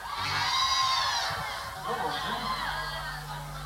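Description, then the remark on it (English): A live audience at an evening live music set, a Chapel Street crowd, cheers and shouts together, a dense, sustained roar of many voices with high-pitched whoops rising above it for several seconds. “It's a real Chapel Street crowd here tonight, ladies and gentlemen.”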